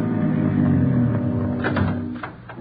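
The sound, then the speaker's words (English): A car engine rumbles with a steady low hum, then eases down as the car pulls up at a motel and comes to a stop, with a few faint clunks near the end. “A minute later, Ben and the others pulled up in the car.”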